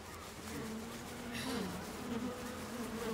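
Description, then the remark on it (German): Honeybees buzz steadily at an opened hive as beekeepers check their bees' work, a dense, continuous drone from many insects, with individual bees' pitch wavering slightly as they fly about. “Ja, dann wollen wir doch mal sehen, wie fleißig unsere Bienen waren.”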